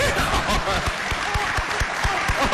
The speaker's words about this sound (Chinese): 今儿的观众最热情。 打我一上台，老几位鼓掌 啊， 到现在还鼓掌。 嗯， 这还不热情？